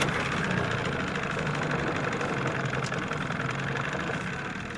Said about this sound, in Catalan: Arrencam el cotxe amb una clau de contacte.